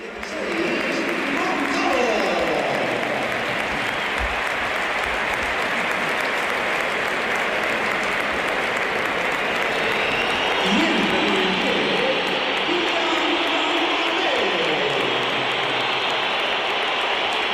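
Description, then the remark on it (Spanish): A large stadium crowd at a Real Madrid football match applauds and whistles in a dense, continuous roar that stays loud and steady throughout, with scattered voices blending into the noise; mostly whistles, with some applause, for Kylian Mbappé as he comes onto the pitch. “Pues sí, se la llevó Kylian Mbappé, aunque hay algunos aplausos en alguna de las zonas más cercanas a donde nos encontramos nosotros en la cabina de Radio Nacional. Pero más pitos.”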